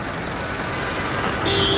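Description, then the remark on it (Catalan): The heavy engines of farmers' tractors, passing in a protest over rising costs as they cross Francesc Macià, rumble in a steady, dense wash of traffic noise, and a loud, sustained tractor horn blast cuts in near the end, holding a single steady pitch. “Sí, hi ha molts pitos de pagesos.”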